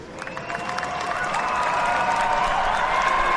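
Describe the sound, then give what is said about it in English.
A motor-race crowd in the front straight grandstands applauds and cheers the race winners steadily, a dense wash of clapping that swells slightly louder over a few seconds, with faint tonal whistles or voices threaded through. “Guys, a big round of applause.”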